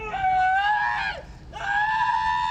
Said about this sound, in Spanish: Este es el momento en que un inmigrante es detenido por ICE en su auto y recibe varias descargas eléctricas. Testigos grabaron el momento en que grita de dolor, pide ayuda y pide un abogado.